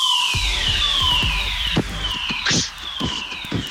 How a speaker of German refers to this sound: Gestern gab es einen Probefeueralarm.